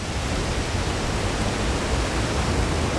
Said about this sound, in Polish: Wieje. O tak, tutaj wieje. Wiatr z Doliny Liwca.